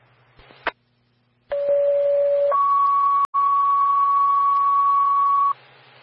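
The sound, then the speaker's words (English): Radio paging alert tones for a motor vehicle accident call: a brief squelch click, then a steady lower tone for about a second stepping up to a longer higher tone, loud and clean over faint radio hiss, with no talking. “stand by for tones on call 2, an MVA.”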